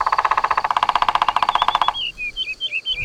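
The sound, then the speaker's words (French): A woodpecker drums its beak on a tree trunk in a fast, steady burst of sharp knocks lasting a couple of seconds, then stops and gives way to a few high, twittering bird chirps. “Le pivert tape avec son bec sur le tronc de l'arbre pour parler avec les autres oiseaux.”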